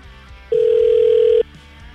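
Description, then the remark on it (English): A single loud, steady ringback tone of about a second sounds as a phone call made from a radio show rings out, with a faint low background murmur before and after it. “We're going to give Jeff a call”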